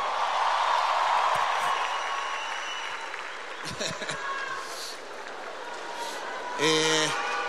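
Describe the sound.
An audience breaks into steady, dense applause that is loudest at the start and gradually thins out, with a few scattered claps and a short burst of voices rising near the end.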